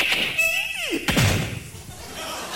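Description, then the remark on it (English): A house door creaks open with a drawn-out, falling squeal, then slams shut in one sharp, loud bang, leaving a quiet hum behind it. “They open the door and go in.”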